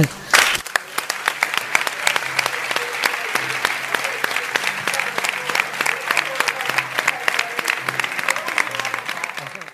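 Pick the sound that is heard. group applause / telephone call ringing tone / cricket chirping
group applause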